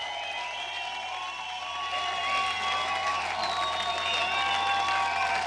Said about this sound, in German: Ah, eine Sache noch. Mach noch mal ganz viel Applaus